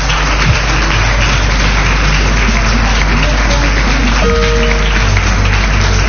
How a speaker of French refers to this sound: Vous voulez vous mettre debout et vous allez vous faire à vous-même une ovation. Mettez-vous debout. Vraiment, parce que j'ai que deux mains, je ne peux pas vous applaudir tous. Alors, c'est vous qui allez vous applaudir vous-même.